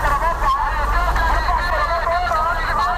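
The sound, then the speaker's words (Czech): A busy street with a constant rumble of passing car traffic and a dense babble of many voices from a crowded market, where vendors use small battery-powered megaphones that repeat their offers over and over, steady and fairly loud throughout. “Tady za rohem je ale větší provoz aut a trhovci už přišli na to, že hlasivky mají jen jedny.”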